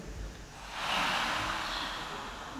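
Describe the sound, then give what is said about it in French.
One half of an audience, split in two by a musician, imitates ocean waves with a breathy, hissing shush that swells up after a quiet start and holds steady, like surf rolling in. No one speaks. “… qui fait faire la mer au public, le son des vagues.”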